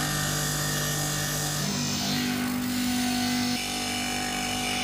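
A diamond grinder runs continuously, a loud, steady abrasive whine with a humming motor tone that shifts slightly in pitch midway as a piece of painted ceramic tile is ground thin by hand against the diamond stone. No one speaks.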